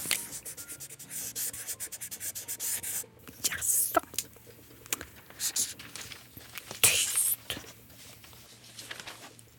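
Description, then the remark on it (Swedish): A felt-tip pen squeaks and scratches across paper as someone draws, in a run of quick strokes, with short pauses between and a few louder, sharper swipes. “Att hon inte ska trycka för hårt, för då blir spetsen tuffsig.”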